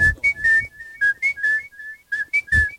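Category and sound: human body sound, person whistling a tune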